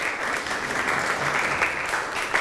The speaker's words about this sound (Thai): อ่านคล่องเก่งมากปรบมือให้ตัวเองอีกครั้งหนึ่งครับ